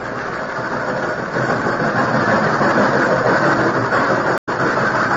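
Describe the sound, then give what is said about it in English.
A steady, loud train rumble drones on without a break during a long train trip, the engine noise constant, with a brief cut-out near the end before it resumes. No one speaks. “Oh, it seemed as though the long train trip would never end.”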